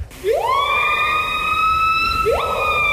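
A bird call that mimics a siren: a loud, harmonic tone swoops upward, holds steady for nearly two seconds, then starts another rising wail. No voices.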